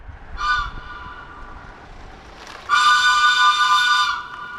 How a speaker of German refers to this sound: Dieses Geräusch hört man am Bahnhof Neuberg an der Mürz nicht mehr. Am 20. Dezember 2000 ist der letzte Zug gefahren.